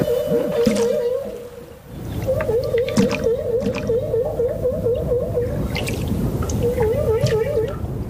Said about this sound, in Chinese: 科学家们首先分离出了大赤鲸吐气泡的声音。吐气泡声结束之后，总是会伴随一阵具有循环感的响亮叫声。